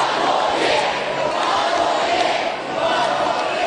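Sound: fans chanting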